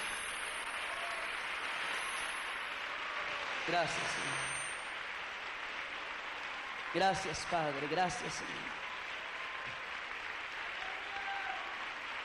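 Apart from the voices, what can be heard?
audience applause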